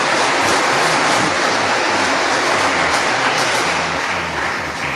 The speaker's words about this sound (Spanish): Y demos un aplauso porque hay miles que nos están viendo a través de las redes, el YouTube y todo eso. Quizás muchos están enfermos en su casa. Mandémosles un aplauso haciéndoles saber que los queremos.